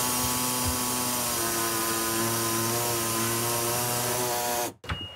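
A power saw cutting through sheet metal to trim away a section so a cabinet will fit, a loud, steady grinding whine with shifting pitch that runs for several seconds, then cuts off abruptly.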